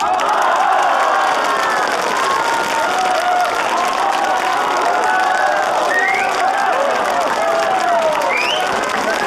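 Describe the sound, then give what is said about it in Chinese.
Wedding guests clap and cheer loudly and without pause as the groom and bride enter, a dense wash of applause filled with overlapping shouts and excited voices that stays at full volume throughout. “让我们以热烈的掌声欢迎新郎”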